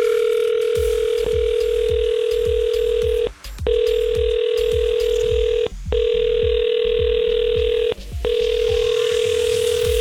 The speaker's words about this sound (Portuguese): Esta semana ninguém atendeu o telefone